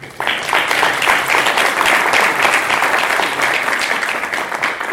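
An audience applauds to thank the keynote speaker: many hands clapping in a dense, steady patter that starts abruptly and holds at a loud, even level for several seconds, with no voices on top.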